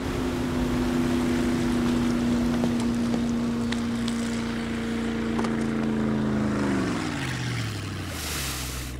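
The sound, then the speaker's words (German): A loud, steady motorboat engine drones, its pitch holding level before sliding lower near the end as it sweeps past. No one speaks. “Sag mal, was tust du eigentlich mit meinem Boot?”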